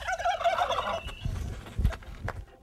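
A turkey gobbles once, a loud, rapid warbling rattle lasting about a second, followed by a few dull low thumps and rustling noises.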